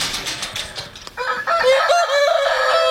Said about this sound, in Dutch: Dit zijn de kippen, dat zijn niet zomaar kippen. Dit zijn echt joekels van beesten, hè? Wat zijn dit voor beesten? Ja, dat zijn een van de grootste kippen die je kunt hebben. Dat zijn cochins, Aziatisch.